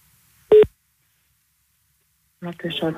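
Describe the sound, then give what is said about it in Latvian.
A phone call from the radio station Star FM to the Latvian Language Agency's language consultation phone line goes through: one short, loud electronic beep, a long pause of silence, then a person starts talking over the line. “Valodu centru uzvenam, pajautājam. Valodu konsultācija tālrunas.”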